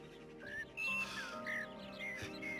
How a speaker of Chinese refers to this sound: 这小鸟叫得真好听啊！ 啊， 哦， 它要吃东西了。他如果吃不饱肚子，他是要罢工的。